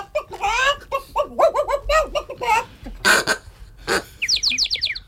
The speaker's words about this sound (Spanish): Patos, gallinas y pajaritos corretean por la calle en diferentes direcciones.